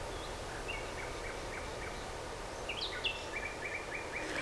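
Birds chirp in repeated short, high bursts over a steady outdoor hiss at the Jette grotto in Brussels, Belgium, with a brighter cluster of calls near the end. No one speaks.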